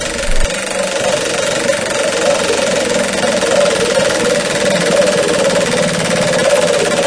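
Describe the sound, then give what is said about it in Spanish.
A car engine runs continuously, a loud, steady rumbling drone with a gritty, rattling texture that holds an even level throughout, with no voices. “Sol, lluvia, tráfico, claxons, baches, tu coche pasa por muchas cosas, consiéntelo con un gran combustible.”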